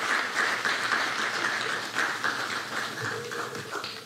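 A crowd applauds a woman who works at the Fondation Fontaine in Cité Soleil, Haiti, a dense wash of many hands clapping at an even loudness for several seconds, with no voices over it.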